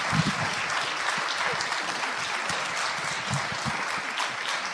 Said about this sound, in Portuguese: Muito obrigado. Nossos aplausos, porque é o mínimo que a gente pode fazer.